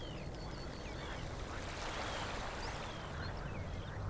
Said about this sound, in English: A warm but slightly grey and windy afternoon here in southeast Estonia. You may be able to hear a bit of a breeze in the birch trees here above me. The air's a bit heavy, seems like. Possibly some impending rain.